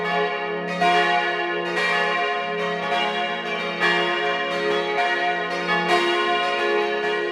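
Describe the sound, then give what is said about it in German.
Several bells of the Church of St. John the Baptist in Klösterle, Vorarlberg, ring together at 12 noon in a full, continuous peal, their overlapping strikes renewing every second or so with a rich, sustained resonance, loud with no voices. “Sie hören die Glocken der Kirche zum heiligen Johannes dem Täufer in Klösterle in Vorarlberg.”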